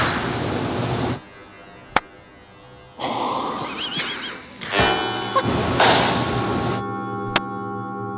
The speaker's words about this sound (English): My favorite demonstration in this room, everybody knows what it sounds like to clap in a room, right?